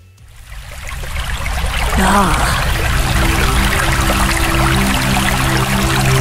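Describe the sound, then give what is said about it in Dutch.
Water trickles and babbles steadily like a small brook, fading in over the first second and then holding a constant, fairly loud flow, with a brief spoken word near the start. “En het zou dus even effectief kunnen werken als een kabbelend beekje.”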